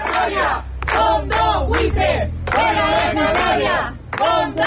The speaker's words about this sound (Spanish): Así, entre gritos de los vecinos, se ha llevado a cabo este desahucio de una vivienda de protección oficial, ahora en manos de un fondo de inversión.